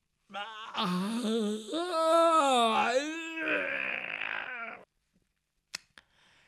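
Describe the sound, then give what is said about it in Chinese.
A man's voice imitates the story character Jin Gongzi yawning and stretching in his room at daybreak: a long, drawn-out yawn, rising then sliding down into a groaning stretch for about four seconds, followed by a couple of faint clicks. “鸡叫三遍，天亮以后，听见那金公子在那屋里边打哈欠伸懒腰。”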